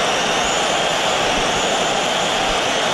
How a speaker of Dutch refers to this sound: Ja, een flink fluitconcert toen hij het veld betrad.